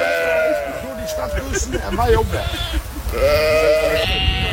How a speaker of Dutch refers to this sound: Tientallen schapen waren uitgebroken op zoek naar vers gras. En de politie besloot de weg af te sluiten en riep de hulp van een schaapsherder in.